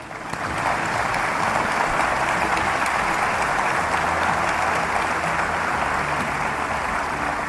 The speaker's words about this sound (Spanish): Quiero pedirles un aplauso para don Vicente Fox, que viene llegando.